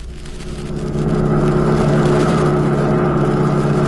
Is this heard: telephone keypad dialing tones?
no